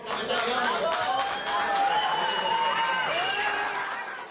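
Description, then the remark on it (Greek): A large crowd of fans and relatives at Eleftherios Venizelos airport in Athens cheers and applauds continuously at midday, welcoming home Greece's men's national water polo team after its World Cup gold in Sydney, with overlapping shouts and scattered claps, loud throughout the few seconds. “Οι κυπελούχοι κόσμου γνώρισαν την αποθέωση από πλήθος κόσμου που έδωσε το παρόν.”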